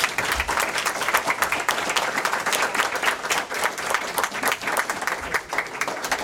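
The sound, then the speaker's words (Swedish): An audience at a panel discussion applauds steadily, a dense wash of many hands clapping at an even, fairly loud level throughout, with no voices rising above it. “Ja, en stor applåd!”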